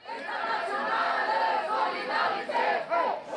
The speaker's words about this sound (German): Eure Kriege, unsere Zukunft. Mit solchen Sprüchen haben 450 Teilnehmer beim Schulstreik in Kassel ihre Wut auf eine mögliche Rückkehr zur Wehrpflicht ausgedrückt.